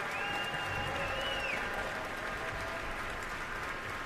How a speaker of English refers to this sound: Both Deneuve and Joachim are applauding him. And now all three have turned around once more to applaud in unison.